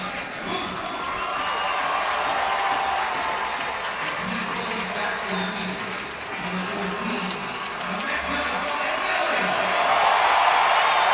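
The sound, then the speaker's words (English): A large stadium crowd at a soccer match roars with sustained cheering and applause as substitute Emeka Nelly is announced, a dense wall of noise that dips briefly midway and then swells louder toward the end. “And Emeka Nelly announced and gets a big roar out of the crowd as they have missed him.”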